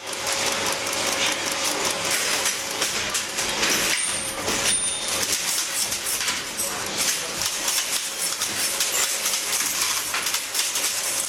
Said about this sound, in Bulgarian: Това е линотипна машина. В предния край седи човек и пише на клавиатура, а отзад това чудовище стопява слитъци метална сплав и излива изписаните букви в редове.